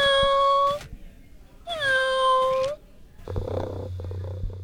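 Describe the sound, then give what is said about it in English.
A RoboCat robotic toy cat named Nell gives two loud, drawn-out meows with a short pause between them, then settles into a steady, low purr that runs to the end. “She picked out her own RoboCat and named it Nell.”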